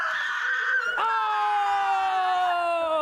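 A loud, sustained human scream given on cue, lasting about three seconds, with a brief break early on, then one long continuous cry whose pitch slowly slides downward.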